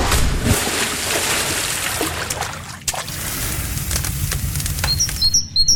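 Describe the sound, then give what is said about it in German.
About eight seconds of outdoor summer ambience: a steady, fairly loud wash of background noise with a low rumble, and a few brief bird chirps and tweets surfacing near the end. No one speaks. “Das waren jetzt knapp 8 Sekunden Sommer für euch. Grillen, Freibad, Vogelzwitschern.”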